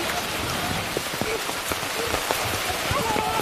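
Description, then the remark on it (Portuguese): Steady rain in Thailand during the rainy season patters onto a surface, a dense wash of hiss with scattered sharper drops tapping through it, continuous for the whole stretch. “A chuva é muito importante para as plantas.”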